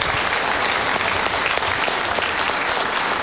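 A crowd applauds steadily, a dense wash of many hands clapping at an even, sustained loudness with no voices over it.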